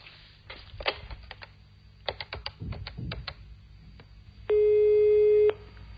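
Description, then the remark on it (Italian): A phone number is dialed with a quick series of clicking keypad presses as a call is placed, followed by a single loud, steady electronic ringing tone lasting about a second. No one speaks. “Dai, lo chiamiamo subito.”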